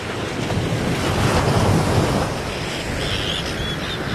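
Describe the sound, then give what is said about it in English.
Rough sea waves on the ferry crossing from the Scottish mainland to Shetland surge and crash in a continuous roar, swelling louder mid-way before easing, with heavy wind buffeting the microphone and no voices. “And it's travels through some of the roughest seas you can imagine.”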